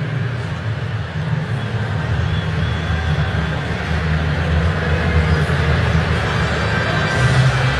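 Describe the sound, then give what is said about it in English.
A large baseball stadium crowd in Houston boos the intentional walk of Yordan Alvarez in a steady, sustained roar, low and heavy, holding at the same loud level throughout without breaks or swells. “And you can hear the utter disdain from Houston's crowd on that decision by Mark Kotze.”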